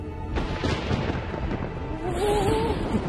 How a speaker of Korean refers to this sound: 구름과 땅 사이에서 발생하는 엄청난 전기, 번개. 번개의 힘이여, 이 천지군으로 모여라!